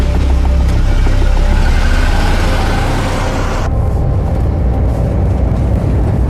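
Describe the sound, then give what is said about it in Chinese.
A loud, rough engine of a cheap, rundown old car runs steadily as it sets off with passengers, a throaty rumble with rattling undertones that shifts to a duller, lower drone partway through. No voices. “不好意思，那个车便宜点， 能到就行。”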